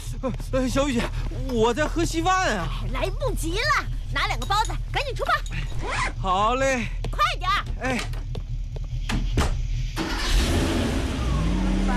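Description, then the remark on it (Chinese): A pickup truck's engine hums steadily under people talking, then revs louder and drives off with a rising roar and road noise near the end, as workers ride it early in the morning to a development work site in 40-degree heat. “为了尽快完成前期的开发工作，工作人员老早就起来吃早饭，然后坐上皮卡车赶赴现场。”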